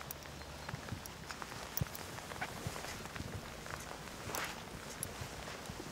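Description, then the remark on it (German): A one-year-old hoofed animal being led in training takes a few slow, soft steps backward on wet ground in the rain. Its hooves thud irregularly amid a steady patter of rain. It is fairly quiet, with no talking. “Ein oder zwei Schritte rückwärts genügt schon.”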